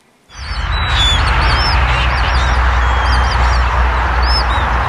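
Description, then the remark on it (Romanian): A large flock of pink flamingos calling together at Lake Techirghiol in Constanța, a dense, continuous chorus of honking and squawking cries with repeated higher calls rising above it, loud with no voices. “Mai multe păsări flamingo au fost surprinse de trecători.”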